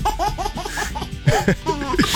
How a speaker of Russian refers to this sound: Исключительно детский смех. Именно смех, а не вагитус. Вагитус – это детский плач.